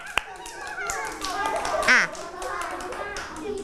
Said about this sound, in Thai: เก่งมากๆปรบมือให้เพื่อนทั้ง2คนเลย